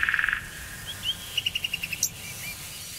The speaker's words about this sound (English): That bird doesn't sound like he's in any danger at all.